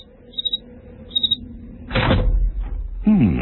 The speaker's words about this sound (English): Open the door and listen.